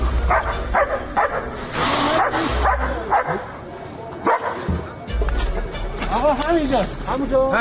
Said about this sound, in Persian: لئو سگ زنده‌یاب جمعیت هلال احمر که در طی حملات نظامی آمریکا و اسرائیل به ایران بدون وقفه به عملیات جستجو و نجات پرداخت و نقش مهمی در پیدا کردن پیکرها و نجات افراد زنده از زیر آوار جنگ داشت.